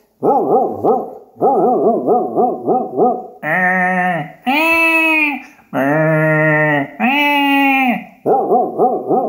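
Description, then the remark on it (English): Sheep bleating loudly in a continuous run of quavering, wavering calls that shift between shorter pulsed cries and longer drawn-out bleats, with no talking. “Come round of those sheep, you mongrel.”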